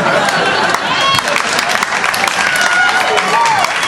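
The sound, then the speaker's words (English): Steady audience clapping, dense and continuous for a few seconds, with crowd chatter and cheering mixed into the applause. “She's laughing, she's clapping, she's not yelling anything.”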